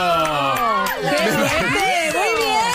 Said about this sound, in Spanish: Increíble. Bravo, aplausos.